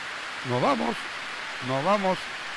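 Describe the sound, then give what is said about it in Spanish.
Heavy, torrential rain pours as a dense, steady hiss across the whole clip, soaking the speakers, with two short bursts of a voice rising over the downpour. “La lluvia es torrencial, fuerte, y nos está mojando.”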